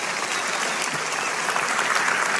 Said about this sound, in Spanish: Vamos, dale un aplauso, dáselo fuerte a Él.